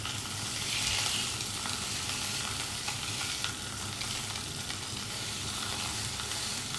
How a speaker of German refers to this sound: Und zisch, da wird doch der Fisch in der Pfanne verrückt, kommen die Filets in dieselbe.